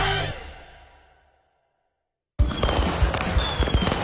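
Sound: fireworks exploding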